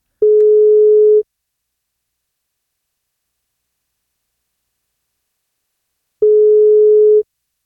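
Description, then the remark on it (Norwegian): A telephone ringback tone from a call placed to a listener for a birthday wake-up call, where answering wins a birthday cake: two steady, mid-pitched beeps about a second long each, separated by roughly five seconds of silence, with no voices. “Du vet at du må ta telefonen for å få kake.”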